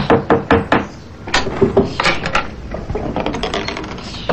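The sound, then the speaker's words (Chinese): Sharp knocks on the wooden door of the Chen family's house in Tiantang Lane, made one afternoon by a visitor in a Western suit. They come in quick bursts: four firm raps, then a looser round, then a softer, faster flurry of taps near the end. No voices. “西装革履，照着地址寻到了天堂巷，敲响了陈家的门。”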